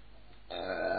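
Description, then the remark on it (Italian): A single loud burp from a man who has just eaten a big pasta meal erupts abruptly halfway through after a moment of quiet, its throaty rumble sustained to the end. “Sto ruttando come un dannato, mi sono fatto una pasta pazzesca oggi.”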